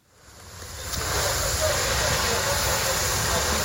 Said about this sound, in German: Ein Feuerwehrmann schreitet im Morgengrauen über ein verkohltes Gelände. Seine Kollegen löschen letzte lodernde Flammen. Einsätze wie diese sind in der Ukraine Routine.